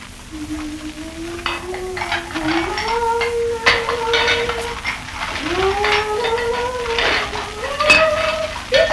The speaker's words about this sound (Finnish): No johan tässä tulee ilmankin kuuma tiskatessa.